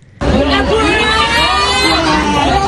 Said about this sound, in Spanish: Gritos, cantos y sobre todo una protesta común. Los estudiantes del Liceo Gutenberg de Créteil, a las afueras de París, se unieron a la jornada de bloqueos y manifestaciones convocada en Francia para pedir unas mejores condiciones para sus estudios.